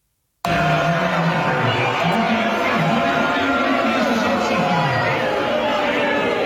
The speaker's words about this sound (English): This is the Democratic Socialist of America slate election night party from the other night. All right. Now tell me who they're booing.